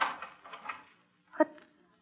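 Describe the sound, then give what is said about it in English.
A door being locked: a soft metallic rattling for about a second, a short pause, then one sharp, ringing click of the bolt. “locking the door”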